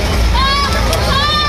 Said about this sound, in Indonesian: Puluhan penumpang panik saat kapal yang mereka tumpangi mengalami kebocoran di tengah laut. Kapal tersebut tengah menuju Pulau Tidung dari Pelabuhan Rawasaban, Tangerang, Banten.